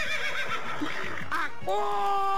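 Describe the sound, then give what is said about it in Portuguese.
A horse whinnies loudly, a shaky, quavering neigh lasting about a second and a half, followed by a steadier sustained tone to the end. “Acorda, cavalo!”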